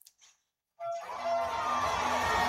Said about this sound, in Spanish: Y la multitud aplaudiendo, gritando, en fin.